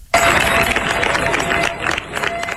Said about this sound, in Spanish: Así han despedido los vecinos de Niebla entre aplausos a los efectivos de la UME, que han comenzado su repliegue tras 10 días de lucha contra un incendio que ha recorrido más de 38.000 hectáreas.